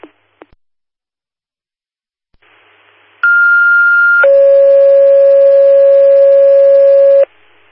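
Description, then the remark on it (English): Fire dispatch alert tones over a radio for Linda Fire, general tones for a medical aid call to 3612 Waterleaf Street for a female who has passed out: after a couple of faint clicks and hiss, a steady high tone sounds for about a second, then drops to a long lower tone held for three seconds. “General tones for medical aid, 3612 Waterleaf Street for a female that's passed out, currently breathing.”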